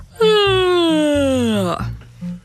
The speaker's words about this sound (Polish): A teraz ziewamy i to najszerzej, jak tylko umiecie. Otwieracie buzię tak, jakbyście chcieli połknąć piłkę plażową. Naprawdę ziewacie najszerzej z całych sił.